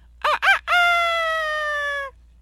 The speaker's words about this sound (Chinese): 公鸡叫了，你也应该起床做早操了吧？